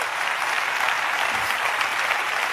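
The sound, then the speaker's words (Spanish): Steady, dense applause from an audience, a continuous wash of many hands clapping at an even level throughout, with no voices standing out. “Dale, dice, dale el aplauso.”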